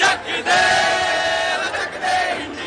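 A large crowd of protesters in Delhi cheers, shouts and dances in celebration after learning they had won, a loud, sustained roar of many voices with rising whoops and yells that barely dips across the whole stretch.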